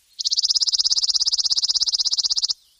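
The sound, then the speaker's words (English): A chipping sparrow sings a single dry, mechanical trill of rapid, evenly spaced high chips, steady in pitch and loudness for about two seconds, heard clearly with no other sounds. “Their song is sometimes compared to a sewing machine, consistent, dry, and mechanical.”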